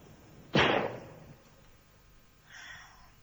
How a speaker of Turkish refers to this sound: Silah sesleri kesildi galiba.